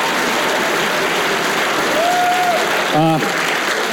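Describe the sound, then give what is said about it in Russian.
Steady, dense audience applause at a song contest for a contestant from Vietnam fills the whole stretch at a constant loudness, with a brief whistle-like tone and a short shout rising over it near the end. “сейчас под ваши аплодисменты конкурсант из Вьетнама”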